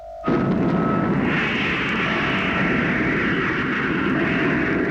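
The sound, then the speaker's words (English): An atomic rocket motor fires at full power with a sudden burst and settles into a loud, continuous roar that rumbles steadily for several seconds, overpowering, with no voices. “Stand by to cut in the motor, Mitch. We'll give her full power.”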